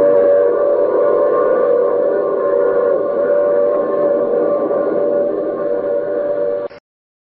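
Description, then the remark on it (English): A train pulls into a stop, its loud, steady rumble layered with sustained whining brake tones for several seconds before cutting off abruptly. No one speaks. “Oh, you have to get off here. I'm sorry. But I'm sure we'll meet again. I take this same train every week at the same time.”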